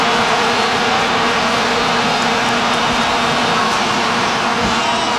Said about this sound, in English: Gosh. It's like a bunch of hornets or something. It sounds like a million bees swarming. I would be scared if I heard this. Well, sadly, no fun, FIFA. They will not be allowing people with their vuvuzelas into the stadiums.